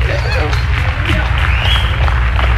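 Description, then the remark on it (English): A loud, dense crowd claps and shouts in praise of God, with several voices calling out over a steady roar of applause and a heavy low rumble throughout. “You ought to shout and praise God, clap loud.”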